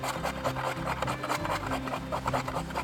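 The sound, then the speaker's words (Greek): A potato is grated with quick, steady rasping strokes, a continuous scratchy scraping rhythm that repeats without pause and with no talking. “Τρίβουμε μία πατάτα.”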